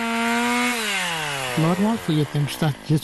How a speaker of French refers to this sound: Alertés par le bruit des scies, les habitants en bordure de forêt sont fatalistes,